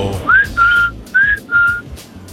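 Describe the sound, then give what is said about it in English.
A caller whistles a short tune of four clear, sustained notes over a phone line into a morning radio call-in, alternating slightly rising and steady pitches, heard alone over a faint low background hum. “That's you whistling.”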